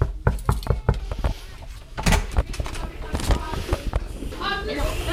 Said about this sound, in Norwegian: Nå står vi på utsiden av klasse 3B her på Lervig skole, og vi banker på.